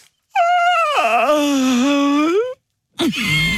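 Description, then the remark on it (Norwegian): A person gives a loud, drawn-out yawn lasting about two seconds, its voiced pitch sliding down then rising, followed by the start of a second yawn that is cut off. “Får vi skikkelig gjesp nå?”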